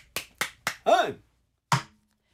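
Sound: applause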